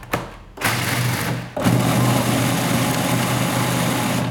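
A blender grinds 150 grams of peanuts into powder with a loud, steady motor whir and gritty rattle. It starts abruptly, cuts out for a moment, then roars back on and runs continuously. No one speaks.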